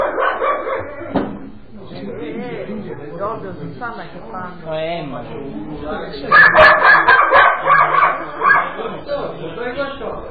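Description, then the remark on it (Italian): A dog barks repeatedly, its yips growing louder and more insistent midway through, while people keep talking over the noise. “Sto cane lo uccido.”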